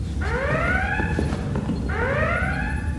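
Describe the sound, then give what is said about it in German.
A starship red alert klaxon sounds twice, each blast a loud rising electronic whoop with bright harmonics, spaced about a second and a half apart over a low background rumble. No one speaks. “Warum Alarmstufe Rot, Captain?”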